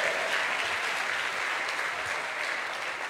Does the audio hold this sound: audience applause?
yes